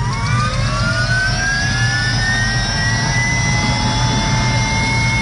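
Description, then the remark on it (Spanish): A helicopter about to take off: its turbine spools up, the whine climbing steadily in pitch over a loud, constant low rumble, with no voices and no pause for the whole stretch. “Ahí un helicóptero está a punto de despegar.”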